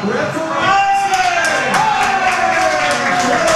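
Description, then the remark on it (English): French football fans in a pub cheer loudly at the final whistle as France beats Paraguay, a dense, steady roar of many voices with rising and falling shouts riding on top for several seconds. “And with that, the final whistle and its cheers from the French fans, not so much for the Taiwanese supporters of Paraguay.”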